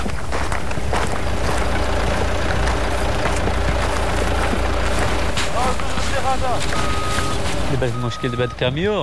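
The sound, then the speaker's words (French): A truck engine idles steadily, a loud continuous low rumble throughout, with people's voices faintly mixed in and more noticeable toward the end; the truck is at a watermelon field that has no road access or proper track. “Le problème avec ce camion, c'est que nous n'avons pas d'accès routier.”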